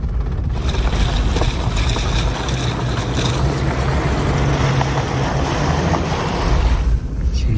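A vehicle drives steadily off the road along a frozen river channel, across a wide ice field, as snow falls ever heavier. Its engine makes a loud, continuous rumble mixed with crunching surface noise and wind buffeting, with no one speaking.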